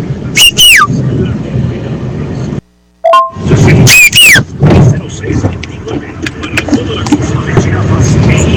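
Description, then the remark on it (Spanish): A father's distinctive family whistle sounds twice, each a sharp high call sliding quickly downward, cutting over loud rumbling background noise and murmuring voices, with a brief silent gap between the two calls. “Este es mi silbido, amigo.”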